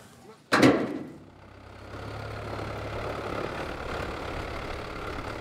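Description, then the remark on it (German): A sharp thud, then the engine of an oyster farmers' boat on Sylt, a French boat type built for oyster fishing, starts up and settles into a steady, low idling rumble that stays fairly loud until the end as the men set out to the oysters. “Die Männer der Sylter Austern Company brechen wieder zu den Austern auf. Dieses Mal aber mit Boot.”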